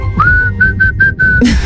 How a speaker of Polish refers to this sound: Słychać, nie? Że to w Meksyku. La Cucaracha! I najbardziej muzykalne gwizdki dzisiaj na Messengerze RMF Max z głosówkami